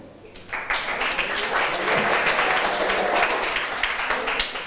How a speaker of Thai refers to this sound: ค่ะถัดมาขอเชิญกลุ่มที่4ได้เลยปรบมือให้เพื่อนหน่อยค่ะ